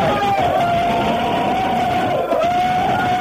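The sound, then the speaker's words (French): A crowd of students shouts and yells all at once in a school corridor, a loud, steady wall of voices with one long, held cry running through it for the whole stretch. “Allez, gueulez un coup là!”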